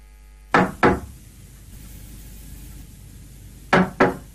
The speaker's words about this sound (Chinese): 不一会儿，有人敲门。